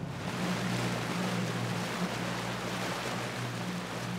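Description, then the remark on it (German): A boat moving across the water, its engine a steady low drone under a constant rush of water and wind, even-toned throughout, with no one speaking. “Das ist ganz toll, das mal von Wasserseite aus zu sehen.”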